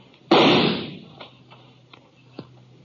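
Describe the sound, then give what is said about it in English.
One loud gunshot cracks in a canyon and rolls away in a long, echoing decay, followed by a few faint, scattered pops. No voices are heard. “His gunfire gave me a pretty good notion of where to aim.”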